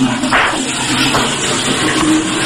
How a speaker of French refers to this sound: Je m'enferme. Je tire la chasse.